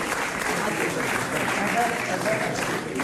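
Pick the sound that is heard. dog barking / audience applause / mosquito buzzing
audience applause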